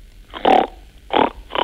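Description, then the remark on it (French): A child imitates a pig, making three short, snorty nasal grunts in an uneven rhythm, each a brief loud burst with pauses between, and no talking. “Alors, j'ai entendu la poule et le cochon.”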